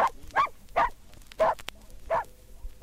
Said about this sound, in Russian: И, наконец, Алтай. Оленегонная лайка.